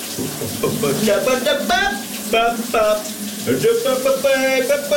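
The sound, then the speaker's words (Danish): Steady rushing water, like a shower running, fills the background while a voice sings a big Danish 1980s hit over it on a morning radio show, fairly loud throughout. “Han har gang i et brusebadshit.”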